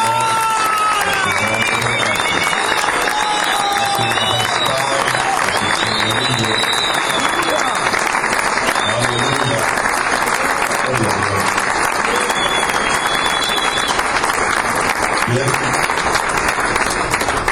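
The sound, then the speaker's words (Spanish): A large crowd claps steadily and loudly for the whole stretch, with scattered cheers and whistles rising above the dense applause and indistinct voices mixed in. “Un fuerte aplauso.”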